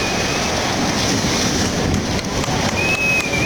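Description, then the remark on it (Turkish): The controlled demolition of the 16-storey Çuko Birlik building in Adana, Turkey, heavily damaged in a disaster, using about 500 kilograms of explosives and 2700 dynamite charges: a loud, unbroken roaring rumble of collapse that holds steady throughout, with no separate blast bangs standing out and no voices. “500 kilogram patlayıcı ateşlendi ve bina saniyeler içinde yerle bir oldu.”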